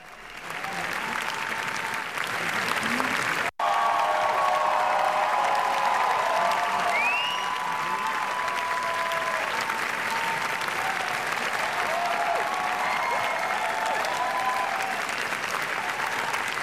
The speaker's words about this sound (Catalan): I així, durant gairebé 20 minuts, en una de les ovacions més llargues i emocionades d'aquesta edició de Canes, el públic ha convertit l'estrena de La Bola Negra dels Javis en tota una fita històrica.